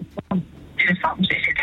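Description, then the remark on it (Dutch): Tinny, narrow-band sound over a phone line: a radio plays loudly in the background, its voices and tones filling the short call without pause. “Oh, ik hoor dat de radio op de achtergrond best wel hard staat.”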